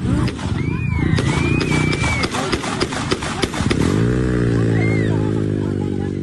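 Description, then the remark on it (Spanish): A rapid series of sharp, loud gunshot cracks, fired from about 50 centimetres at a young man lying on the ground, rings out over a noisy crowd shouting and running, followed by a revving engine droning steadily. “Esos son los tiros, Prato.”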